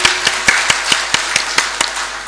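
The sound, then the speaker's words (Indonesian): An audience at a DPRD Kabupaten Jombang (regional legislature) gathering claps for Bapak Subaidi in a dense, steady wash of hand claps with a few sharper claps standing out at a regular rhythm. It's loud and continuous, and no voices can be heard. “Mari kita tepuk tangan dulu lagi kepada Bapak Subaidi.”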